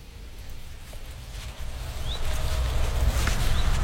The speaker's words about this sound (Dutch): Hoor je dat? Daar? Die alarm roep. Vuut. Tik. Vuut. Tik. Ja. Dat zijn die alarmerende ouders bij het nest van die roodstaartjes. Dit zijn gekraagde roodstaarten. Dit is het alarm van de gekraagde roodstaart.